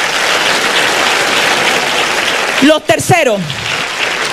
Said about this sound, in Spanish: Si usted quiere, usted aplaude a Dios. Y si no, no.